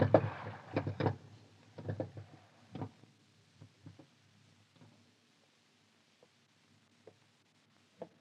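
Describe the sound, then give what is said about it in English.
A small boat being rowed across water toward a ship, with oars knocking and splashing in a busy cluster of strokes at first, then thinning to a few faint, scattered knocks. “Pull over to the Vulcan.”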